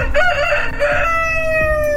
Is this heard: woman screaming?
no